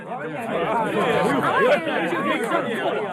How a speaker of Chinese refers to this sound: 很快演出结束，大批的观众从剧院涌出来。